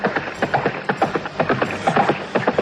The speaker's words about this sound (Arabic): ما هذا؟ إنه فارس يعدو نحوي.